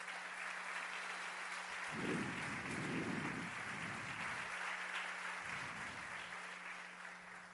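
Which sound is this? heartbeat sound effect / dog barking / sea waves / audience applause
audience applause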